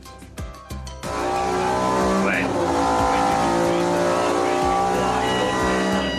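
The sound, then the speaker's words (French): A powerful Maserati MC20 sports car engine, run on a test bench during production, roars steadily and loudly after a brief sputtering start, its revs wavering slightly, with faint voices mixed underneath. “Dernière question, j'entends un petit peu de musique dans la pièce d'à côté. Quel moteur c'est?”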